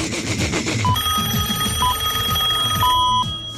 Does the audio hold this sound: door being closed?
no